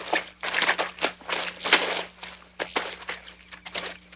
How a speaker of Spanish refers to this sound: En el bosque, los cuatro amigos caminan por un lodazal.